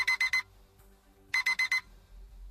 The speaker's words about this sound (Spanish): Queda menos para que el impertinente despertador nos recuerde que se acabaron las vacaciones.